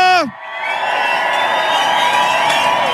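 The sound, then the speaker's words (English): A crowd at Centerfalls erupts in loud, sustained cheering and whooping, making noise for DJ Roger the Doctor, opening with a brief falling shout before a steady roar of many voices carries on without letting up. “Can we make some noise to the one and only Roger the Doctor?”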